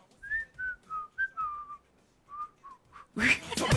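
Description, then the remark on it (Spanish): A person whistles a short, thin melody of wavering notes with little breath support, trailing off before a burst of noisy rustling at the end. “¡Pobre ese silbido! ¡Pobre!”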